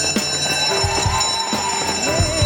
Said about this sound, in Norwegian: Og der ringer klokkene inn til søndagsskolen, våres nye serie der vi skal liten tur tilbake igjen på skolebenken på søndagsmorgen og lære oss noe nytt.